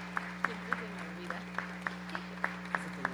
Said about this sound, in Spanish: Gracias a todo nuestro público y nos acompañan con otro aplauso para despedir la temporada.